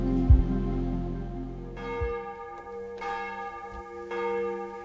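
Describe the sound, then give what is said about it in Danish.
The large bells of Vor Frue Kirke, Copenhagen Cathedral, ring out over the rooftops of Copenhagen before a live morning service broadcast, in overlapping peals, deep strikes blooming into long, rich resonant tones that hang in the air. Full, with no voices. “Så klinger klokkerne fra Vor Frue Kirke ud over Københavns tage, og nu også ud over det ganske land.”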